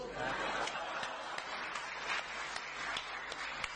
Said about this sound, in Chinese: 还有鼓掌呢？ 哎，这对了， 谢谢。